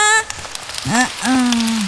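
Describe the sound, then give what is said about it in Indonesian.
A group of children clap their hands in a quick, scattered patter after a story on the children's programme Si Kecil Menyapa, while young voices call out in drawn-out, rising cries over the applause. “Iya, tepuk tangan semuanya.”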